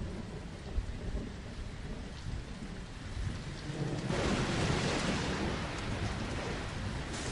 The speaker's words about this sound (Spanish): Oh, viene una tormenta, Chris.